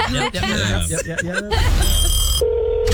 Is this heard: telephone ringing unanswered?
yes